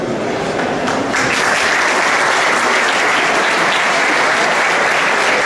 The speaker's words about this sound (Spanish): Ahora sí, escucha fuerte ese aplauso y también un fuerte aplauso para Alberto de Aza. Toma asiento, eres el director general de BYD España y Portugal.